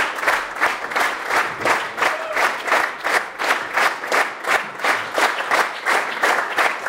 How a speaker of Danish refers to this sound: Og her er de kommet op på scenen igen og tager imod applaus fra det stående publikum.